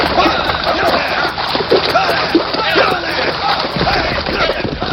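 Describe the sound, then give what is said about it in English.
Continuous, loud splashing and churning water fills the whole stretch as a roped man, pulled from his saddle, is dragged through a creek, with indistinct shouting voices mixed in. “Then pull him from their saddles. Drag him through the creek.”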